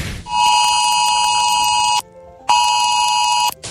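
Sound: emergency alert notification tone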